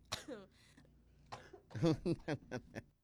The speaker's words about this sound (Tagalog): inom anay tubi para nga magkuntat ang ubo.